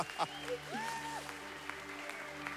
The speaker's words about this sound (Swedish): Kan vi inte ge Jesus en sån här applåd, sån här ungdomsmötesapplåd?